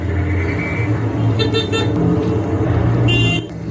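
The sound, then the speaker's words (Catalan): Several car horns honk in short bursts behind people hurriedly mopping up water, over a steady rumble of idling traffic, the beeps overlapping loudly, with no one speaking. “Intentant eixugar l'aigua, a corre-cuita, mentre els cotxes piten al darrere.”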